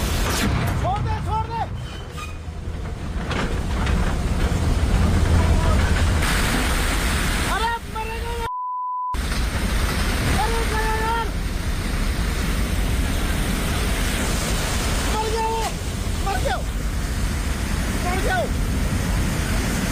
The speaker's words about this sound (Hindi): पीछे से पानी आ रहा है, बहुत तेज आ रहा है।